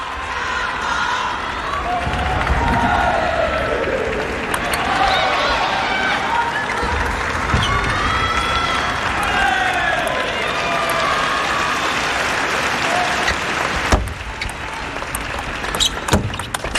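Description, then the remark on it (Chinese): Chinese spectators at a table tennis match cheer on Xiang Peng, chanting steadily throughout, a dense, sustained wash of crowd voices with rising and falling shouts, broken by a few sharp knocks. “现场的中国观众也是一直在给向鹏加油。”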